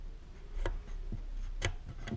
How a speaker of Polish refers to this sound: Ja może przybliżę rejestrator i tak pokażę zarówno suwaki, jak i pokrętła. Pokrętła, jak się kręcą, wydały taki dźwięk.